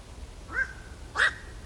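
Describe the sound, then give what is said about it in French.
A black-crowned night heron gives two harsh, croaking 'quok' calls about half a second apart, the second louder and rougher, over a quiet outdoor background. “Alors justement, on en diffuse un petit extrait là qu'on écoute tout de suite pour se rendre compte de ce cri de cet oiseau du bio. Gris.”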